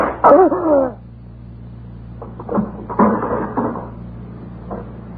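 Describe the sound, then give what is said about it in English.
A loud wooden scrape and squeal as a stiff drawer is yanked open, followed by softer knocks and rattles of something being shifted around inside, with a low steady hum underneath. “This drawer was sticking. Here it is.”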